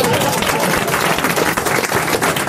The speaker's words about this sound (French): C'était Valérie Mérès, mesdames, messieurs, on peut l'applaudir.